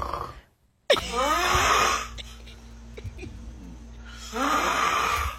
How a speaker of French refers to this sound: Ronfler